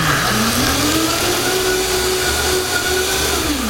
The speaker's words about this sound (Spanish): Me acerqué demasiado. Oye, chorrito de agua y vamos a licuar otra vez.